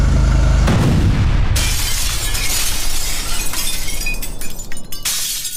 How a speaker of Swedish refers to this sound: Och han svänger upp, kör Pipersgatan och precis på krönet, eller kanske någon 10 meter innan krönet där, så exploderar bomben.